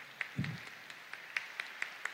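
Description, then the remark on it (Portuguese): Light, scattered applause from a small group welcoming the coordinators at a church, individual claps popping out unevenly over a soft wash of clapping, with one low thump early on and no one talking. “Vamos dar uma salva de palmas de acolhida para eles.”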